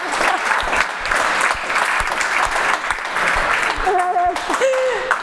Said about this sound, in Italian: Bella ragazzi, un applauso su questa, viva la sincerità.